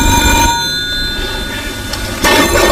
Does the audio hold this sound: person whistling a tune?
no